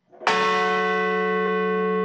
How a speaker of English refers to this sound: In Shanksville, Pennsylvania, bells were rung and a wreath was laid where a commercial jet crashed into a field after passengers fought hijackers who intended for it to crash into the U.S. Capitol or White House.